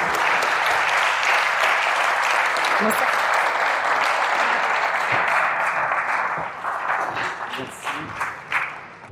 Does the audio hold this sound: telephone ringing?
no